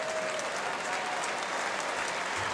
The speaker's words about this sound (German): Cole Campbell, der holt sich zu Recht einen Applaus ab. Gleiches gilt für Lukas Schnellbacher.